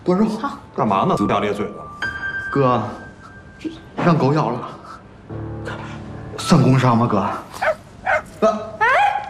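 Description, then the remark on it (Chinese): A small, plump puppy barks and yips in short, sharp bursts in a company office, with a few high whiny notes, while people talk over and between the barks. “个头不大，脾气不小，就是要疯狗。”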